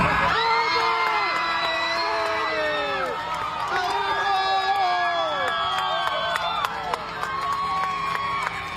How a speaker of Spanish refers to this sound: Así como le está viendo, el anuncio desató gritos y aplausos en la cabina.